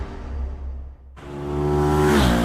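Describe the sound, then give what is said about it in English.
A racing motorbike engine at a motorbike event on the island drones, drops off briefly, then roars back and revs hard, its pitch climbing as it screams loudly, with no voices. “We all love the excitement, atmosphere and sounds that motorbike events bring to the island.”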